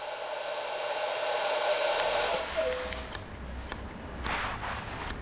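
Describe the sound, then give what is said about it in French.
At a hairdresser's, a hair dryer whirs steadily with a broad airy hum, then sharp metallic clicks of scissors snip several times over the continuing drone. “Écoute, tu entends le ronronnement du sèche-cheveux?”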